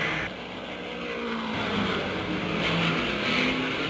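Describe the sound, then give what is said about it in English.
Keller's race car engine roars loudly and steadily as it leaves the pit after a very fast stop of about 42 to 43 seconds for three tires and refueling, its pitch climbing as it accelerates away, with a hint of tire squeal underneath and no voices. “The jacks go down, and there goes Keller out of the pit just that fast.”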